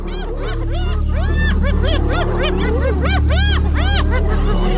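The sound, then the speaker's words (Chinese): A frenzied brawl between a lion and a pack of spotted hyenas: overlapping whooping, rising-and-falling yelps and cackles from many animals over a steady low rumble, loud throughout. “这只狮子可能是先抢走了斑鬣狗的猎物，而现在寡不敌众。”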